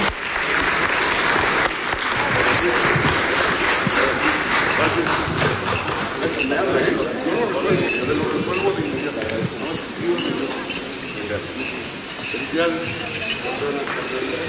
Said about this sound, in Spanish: Así es que muchas felicidades, enhorabuena, y los vamos a despedir con un fuerte aplauso, porque nosotros nos vamos a quedar trabajando.